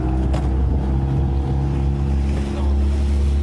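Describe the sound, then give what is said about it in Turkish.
A motorboat carrying two people heads across the Bosphorus to where a man fell into the water; its engine drones steadily, a low continuous hum with wind and water noise rushing over it throughout. “Şüphelinin suya düştüğünü gören ve o sırada denizde bulunan iki kişi botla olay yerine hareket etti.”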